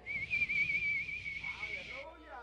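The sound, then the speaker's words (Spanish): A steady, high-pitched whistle from a hot clay vessel in a kiln, whistling because it is at a high temperature, holds for about two seconds, with low rumbling underneath; a voice begins talking as the whistle fades out. “¡Ey, la vasija está silbando! Sí, porque está a una temperatura alta.”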